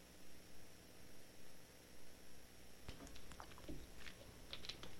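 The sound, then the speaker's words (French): After a few seconds of quiet background hiss, a brief burst of soft clicks and wet mouth noises follows, as someone takes a small sip of a drink. “Alors là, je vais juste attendre deux secondes, prendre une petite gorgée parce que là, j'ai pas mal de blabla à faire pour les prix.”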